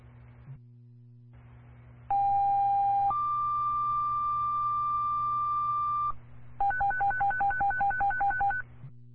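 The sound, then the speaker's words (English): Roxbury Fire Department paging tones sent by Roxbury Dispatch over a radio channel for an EMS lift assist call: a steady tone jumps to a higher, longer held tone, followed by a rapid warbling alternation of two pitches, loud over a constant hum and static. “Roxbury Fire, stand by for tones.”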